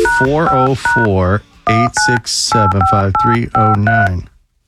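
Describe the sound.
A string of short, steady telephone keypad beeps dialing a phone number on air at Atlanta radio station 97.1 The River, about ten tones in clusters, overlapping a person speaking throughout, with brief pauses between groups.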